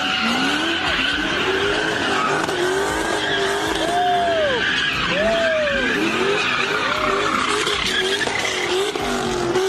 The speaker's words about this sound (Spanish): Así fue como un grupo de jovencitos se burló de este policía que intentó ponerle un alto a las donitas callejeras.